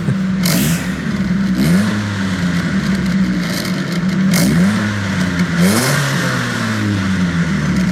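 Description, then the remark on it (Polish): The engine of a small Opel car model revs up and down several times, with rising and falling pitch sweeps over a steady idle rumble, loud, with no talking. “Nie jest to Opel Senator, to znacznie mniejszy model Opla. Posłuchajmy jeszcze raz. Silnik uruchomimy, jak wejdziemy do środka.”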